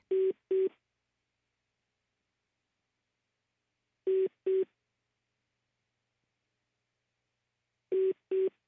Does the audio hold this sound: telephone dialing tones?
yes